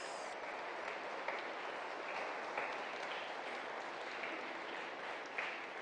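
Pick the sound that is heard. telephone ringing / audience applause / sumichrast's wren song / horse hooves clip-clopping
audience applause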